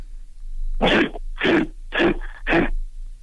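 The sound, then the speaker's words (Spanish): A person imitates a grizzly bear with four loud, raspy, throaty huffs in a steady rhythm, each short and breathy, separated by brief pauses, with no speech. “Es oso grizzly.”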